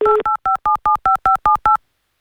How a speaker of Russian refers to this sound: Звонок у нас, гудок есть